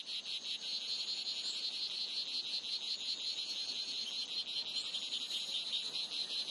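A steady, high-pitched buzzing trill of a male strawberry poison dart frog's mating calls, made by puffing up its vocal sac, repeats continuously without pause, fairly soft, with no voices present.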